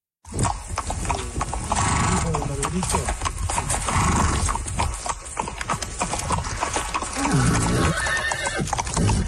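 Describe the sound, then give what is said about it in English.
A horse whinnies over a steady, rhythmic clip-clop of hooves, loud and continuous throughout, with a brief murmur of voices, on a horseback journey along the Americas from Argentina to Alaska. “The 30-year-old Canadian is hoping to do something very few others have done, travel the whole length of the Americas, from the southern tip of Argentina all the way up to Alaska, on horseback.”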